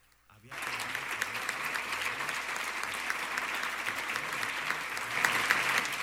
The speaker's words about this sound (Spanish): Y un fuerte aplauso para nuestros estudiantes que reciben hoy este premio anual. Este premio a la trayectoria estudiantil 2026.